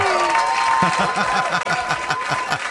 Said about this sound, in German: Das Lied kenne ich. Und das ist mir schon mal einen Applaus wert. Super!